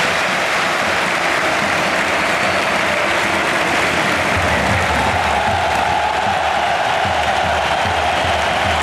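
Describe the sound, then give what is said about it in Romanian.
A large stadium crowd applauds steadily, a dense, sustained wash of clapping and cheering that fills the whole clip at a loud, even level without any clear speech. The whole stadium applauds Ballon d'Or holder Rodri as Hansi Flick sends him on for his debut in the match against Bilbao. “Tot stadionul l-a aplaudat în momentul în care Hansi Flick l-a trimis în teren.”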